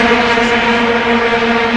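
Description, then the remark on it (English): A loud, steady buzzing blare from long plastic vuvuzela horns drones on without a break for about two seconds, a harsh monotone with a slight waver and no voices. “They've also just announced that they banned vuvuzelas.”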